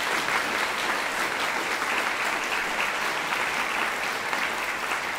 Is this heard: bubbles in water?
no